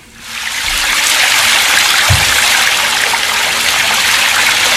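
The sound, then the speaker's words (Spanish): A steady, rushing cascade of water pours continuously after a brief quiet start: a swimming pool waterfall splashing into the pool, loud and unbroken with no voices. “por ejemplo, el de la cascada de la pileta.”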